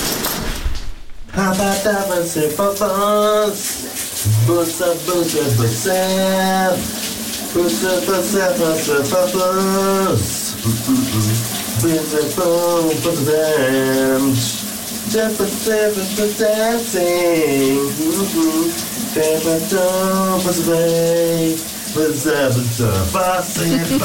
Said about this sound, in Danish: Han synger altså en ikonisk sang i dag i bruseren, min kollega